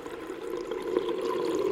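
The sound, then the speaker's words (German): Muffled, steady underwater bubbling with a dense watery wash and occasional gurgling pops, fairly quiet and continuous, with no voices. “Die Kinder erinnerten sich später an nichts mehr, denn sie wachten auf unter Wasser.”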